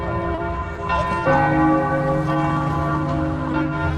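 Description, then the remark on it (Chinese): Church bells of an old city ring out in the open air near Heroes' Square, their sustained, overlapping tones layering into a rich, continuous peal with a fresh strike around the middle, fairly loud and resonant over faint ambient noise. “很多古老的城市，才会有这种露天的钟声。”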